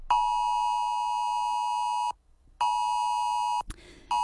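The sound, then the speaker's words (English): A loud, steady electronic emergency alert tone on a mobile phone sounds in two long bursts separated by a brief pause, harsh and multi-toned, as part of a nationwide emergency alert test, ending with a short click and noise. “That particular sound is what you'll hear on your phone next Monday at 2 p.m. as that part of that nationwide test.”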